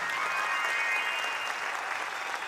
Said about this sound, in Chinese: 谢谢，感谢， 感谢大家的掌声，现在我拢收到哈。